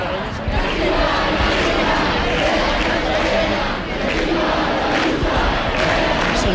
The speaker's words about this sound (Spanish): Bueno, esos mismos insultos, esos mismos pitidos del público de los que nos hablaba nuestra compañera, que están ustedes mismos escuchando en directo,